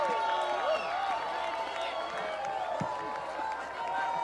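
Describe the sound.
A steady wash of crowd noise, applause blended with overlapping cheers and whoops from many voices, holding at an even, fairly loud level for the whole stretch.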